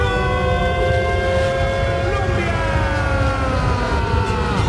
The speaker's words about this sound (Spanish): Que suene la sirena, que suene la sirena, que suene la sirena, que suene la sirena.